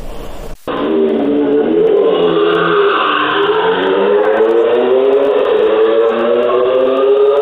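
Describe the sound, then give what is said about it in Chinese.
A motorcycle engine roars loudly, its pitch climbing steadily as the throttle is held open for several seconds in a sustained, droning rev, late at night on Zhongxing Road and Heping Road in Yuzhong District, Chongqing. “渝中区交通管理支队机动大队接到市民举报，称渝中区中兴路、和平路路段有摩托车深夜猛轰油门，制造巨大噪音，严重影响周边居民、学生的夜间休息。”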